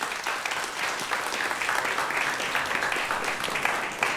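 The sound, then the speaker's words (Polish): Steady audience applause at an Open Stage Ether Jazz concert of improvised music, recorded for a radio broadcast, fills the whole stretch, a dense, even wash of many hands clapping at a constant loudness with no voices on top. “Brawa dla Państwa.”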